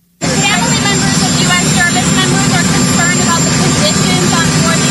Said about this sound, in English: If you haven't seen it, it's a bit hard to hear because of the jet noise, but I'll give you the transcript after you hear this for yourself.